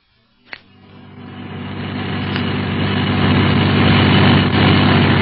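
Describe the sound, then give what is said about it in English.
A sharp click, then a car engine roars up and builds into a loud, steady drone as a driven car speeds through Casablanca. Nobody speaks. “We'll get a car of our own and go to that address.”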